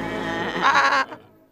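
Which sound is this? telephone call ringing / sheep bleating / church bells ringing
sheep bleating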